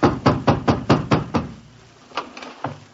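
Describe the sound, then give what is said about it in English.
A rapid series of about seven heavy knocks as someone hammers on a landlady's door on a snowy night, in quick succession, then trailing off into a few scattered, softer thuds. “I hammered on my landlady's door and...”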